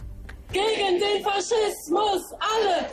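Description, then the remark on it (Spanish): A protest crowd of thousands of citizens in Berlin, Germany, demonstrating against the far right, chants slogans against fascism in loud, rhythmic shouted phrases, the voices rising and falling together in a steady cadence of short bursts. “Al grito de todos juntos contra el fascismo, la protesta pretende, según los organizadores, defender la democracia y exigir una respuesta frente al partido Alternativa por Alemania, calificado de derecha radical por los servicios secretos del país.”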